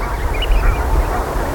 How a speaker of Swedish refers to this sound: Men de här är ändå rätt okej. Grågås vid en fågelsjö kan man bli tokig på.